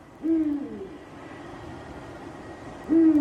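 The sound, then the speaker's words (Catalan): Two deep, resonant hoots from a Eurasian eagle-owl, spaced about two and a half seconds apart, each short and clear against a quiet night background with no voices. “És un duc, és l'au nocturna més gran que tenim a Catalunya.”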